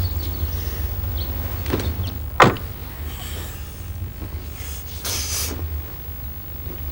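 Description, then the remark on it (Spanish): Shuffling movement as a woman gets into a car parked in front of her house at night, followed by a single solid thud of the car door shutting, then soft rustling inside a quiet car with a low steady rumble underneath. “Cristina entra en el coche.”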